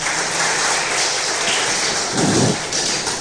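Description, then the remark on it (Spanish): A church audience applauds Jesus, the King of Kings, clapping loudly and steadily, a dense crackling wash of many hands that fills the whole stretch, with a brief low swell of voices or stomping midway. “Dele un fuerte aplauso al Rey de Reyes, Señor de Señores.”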